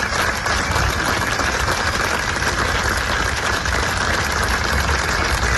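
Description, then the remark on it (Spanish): Sustained applause from a large crowd as a coffin leaves the Museo do Pobo Galego at a farewell to a historic figure, a dense steady wash of clapping that fills the whole stretch at an even, loud level without pause. “Su féretro ha salido entre aplausos del museo.”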